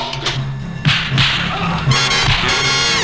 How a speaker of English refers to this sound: Shit, I'm gonna shoot! God damn, I'm gonna shoot! You shot me, boss!